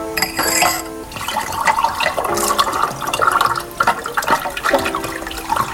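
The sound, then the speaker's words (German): Nut liqueur pours into a glass in a steady, gurgling stream for several seconds, with a faint clink partway through and no voices. “Da muss noch Nusslikör von meiner Tante sein. Ja, da ist noch was übrig. Möchtest du ein Glas?”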